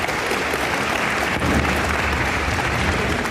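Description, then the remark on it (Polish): Sustained applause from a large audience for the Polish Radio Orchestra in Warsaw conducted by Lilianna Krych, opening a new season of the Alfabet Orkiestry concert series; a dense, steady wash of clapping hands that stays loud and even throughout, with no voices standing out. “Orkiestra Polskiego Radia w Warszawie pod batutą Lilianny Krych. Brawo.”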